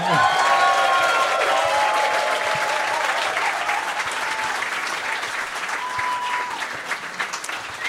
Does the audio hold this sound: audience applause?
yes